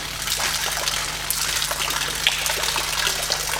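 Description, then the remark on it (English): Water sloshes and swirls steadily for a few seconds inside a well-sealed plastic bag with no holes in the bottom, a continuous liquid churning with soft splashy bursts and no voices. “I specifically got this plastic bag because it has no holes in the bottom as well.”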